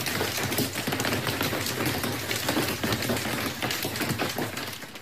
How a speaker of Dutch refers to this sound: De schade is groot, zoals aan deze lijnbus. Mensen, ik zit vast in mijn bus en mijn bovenste luiken zijn aan wiegelen door hagel. Die hagelstenen konden in de indrukwekkende wolkenpartijen uitgroeien tot formaat pingpongbal.